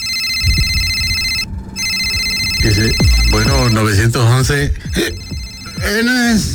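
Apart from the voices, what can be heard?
telephone ringing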